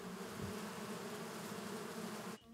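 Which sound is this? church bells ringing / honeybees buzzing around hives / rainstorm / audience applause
honeybees buzzing around hives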